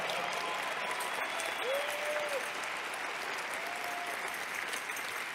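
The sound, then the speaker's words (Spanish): A church audience applauds the Lord during a sermon, a dense wash of many hands clapping at even loudness throughout, with a couple of faint whistles or tones rising briefly above the clatter. “Ah, yo creo que tú le puedes dar un mejor aplauso al Señor.”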